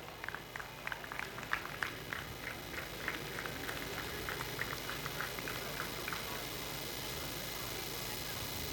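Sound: audience applause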